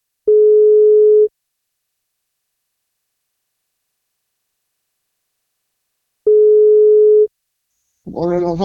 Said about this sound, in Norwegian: Så da prøver vi å ringe, så vi får tak I Carlotto.